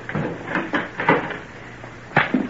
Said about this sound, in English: Not part of the main house, but an outer building a little way from the other. Ah, here's the door. Now, go in.